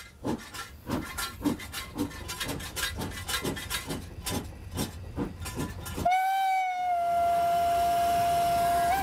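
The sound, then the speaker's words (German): Steady steam hissing from a coal-fired steam locomotive's blower, which draws the smoke gases out through the front instead of the smokebox door, runs beneath rapid, rhythmic chuffs. After about six seconds the chuffing stops and a loud, sustained whistle tone rings out over the continuing hiss. “Das ist der Dampfbläser.”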